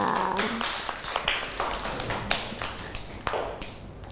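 A small group claps their hands in a loose, uneven patter of sharp slaps that keeps going for a few seconds at a moderate level, with no one talking.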